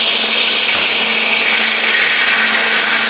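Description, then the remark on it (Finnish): A loud, steady, high-pitched hiss and roar of a water jet cutter slicing through metal, continuous throughout with a faint low hum beneath and no voices. “Vesileikkauksella voi sahata metalleja ja kiveä.”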